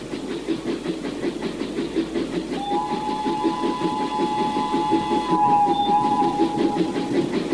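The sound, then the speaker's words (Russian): A train rumbles steadily along the rails among mountains and snow with a rhythmic, loud clatter, while a long two-tone whistle or horn sounds over it midway and fades near the end. “По расчетам, они давно уже должны были быть в Хабаровске, а поезд еще кружил по безвестным полустанкам между гор и снега, и казалось, что Хабаровска нет вовсе, что рельсы идут в бесконечность, в мороз, в туман.”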